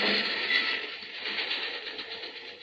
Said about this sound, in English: Now, lie low till the train goes past. Yeah.